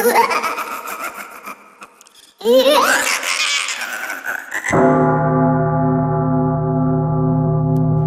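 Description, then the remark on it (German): Giggling laughter fills the first few seconds, then a church bell strikes once, loud, its deep tone humming steadily to the end. “eine Glocke verbindet man im Abendland eher mit einem harmonischen Gefühl, wenn man die Glocken hört.”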